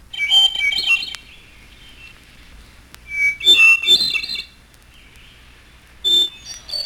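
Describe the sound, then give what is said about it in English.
A hermit thrush sings three clear, flute-like phrases separated by pauses, each ringing and slightly echoing, with quiet background between them and no voices. “And hermit thrush.”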